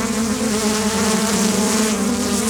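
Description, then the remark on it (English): A dense, steady drone of many bees swarming around a hive box at a farm near Cherryville, loud, with a constant hum and shimmering overtones that never let up. “So you're taking us toward a box where it looks like they're swarming.”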